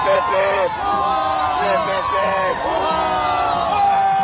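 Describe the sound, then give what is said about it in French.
A large crowd of worshippers in Notre-Dame Cathedral in Paris cheers and shouts continuously, many voices overlapping in loud, sustained rising and falling calls, with no pause across the whole stretch. “On l'entend, la ferveur des fidèles, et elle est partagée aussi par le clergé, bien sûr.”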